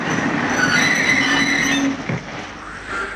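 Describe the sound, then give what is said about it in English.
The brakes of a train crossing the Dakota prairies let out a loud, sustained metallic squeal over a rumbling rail roar for about two seconds as it stops, then the screech cuts off and a softer hiss lingers. “Then the brakes screeched to a stop.”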